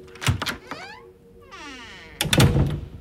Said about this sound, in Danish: Pludselig så banker det på klasseromsdøra.